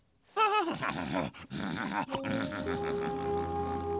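horse whinny

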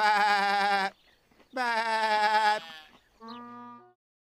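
sheep bleating

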